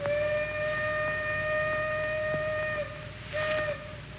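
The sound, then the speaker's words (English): A steam train whistle sounds in one long, steady blast of nearly three seconds, then a shorter second blast follows after a brief pause, loud with a faint rumbling background. “That is your train.”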